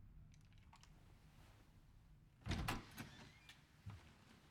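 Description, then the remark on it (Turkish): A door is unlatched and pulled open, with a sharp clack followed by a few softer knocks and rattles against a quiet background. “Louis, ben Graciela Rivera. Aç kapıyı.”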